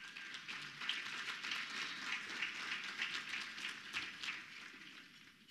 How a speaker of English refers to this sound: And so we are grateful for this. Let's receive him with a round of applause.